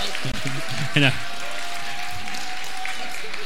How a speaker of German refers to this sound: Ein Riesenapplaus.